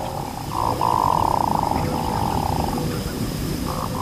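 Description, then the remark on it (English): A male hooded merganser, courting a female, gives low, drawn-out croaking calls, frog-like and rolling. A long sustained growl comes in the middle, with shorter bursts before and after, over a steady background hiss. “With a voice that sounds more like a frog than a bird, a male hooded merganser is courting a female.”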